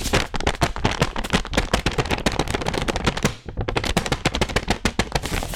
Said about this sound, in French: C'est le tour du papier fait main. Quels sons on écoute si on l'étire?